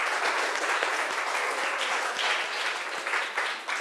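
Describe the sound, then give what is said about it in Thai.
Steady applause from a class for a student who presented his own work without paper notes, many hands clapping together in a dense, continuous patter at moderate volume for the full few seconds, with no talking over it. “นอกจากนี้ทุกคนอาจจะสังเกตเห็นว่ามีเพื่อนคนนึงออกมานำเสนอโดยที่ไม่มีกระดาษออกมาแสดงว่าเขามีความเข้าใจตัวผลงานเขาเป็นอย่างดีนะครับขอเสียงปรบมือให้เพื่อนหน่อย”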